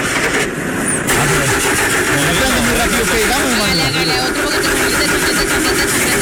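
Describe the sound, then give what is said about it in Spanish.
A newly bought pickup truck's engine cranks over and over, a loud grinding churn that sputters but never catches, with voices faintly audible underneath. “Es una camioneta de payaso. Viene con la risa incorporada.”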